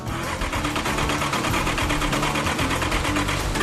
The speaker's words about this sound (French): Pour la première fois depuis 2 décennies, ce moteur construit à la main s'ébroue. Mais ce n'est pas encore le rugissement qu'espérait Fuzz.